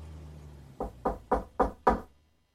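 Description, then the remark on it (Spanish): Five soft, weak knocks on an old doctor's door on the upper floor, in an even, steady rhythm, gentle, followed by silence with a faint low hum beforehand. “Recordando que la patrona me había contado los cuidados que prestó aquel anciano doctor al fontanero, subí como pude hasta el piso superior y llamé débilmente a su puerta.”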